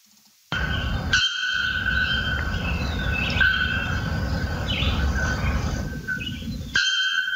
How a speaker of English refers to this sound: So this is the bare-throated bell bird call. You can hear it twice if you want this time,